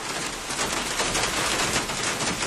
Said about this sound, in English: It's early morning and the rain is pouring down outside